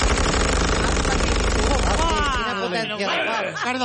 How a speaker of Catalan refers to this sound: Els soldats obren foc sense pietat amb unes metralladores amb gran potència de foc.